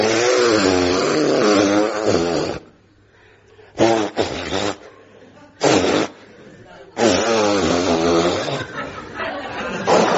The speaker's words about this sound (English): Well, and so finally we come to the moment you've all been waiting for. I'm going to blow my nose.